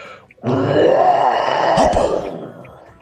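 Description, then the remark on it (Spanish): A caller to a radio show lets out a long, loud growling roar with a rough, throaty texture, sustained for about two seconds before fading, a human voice imitating a beast's roar as an entry to win a prize. “Bueno, siguiendo la consigna, te hago mi rugido para participar por todo.”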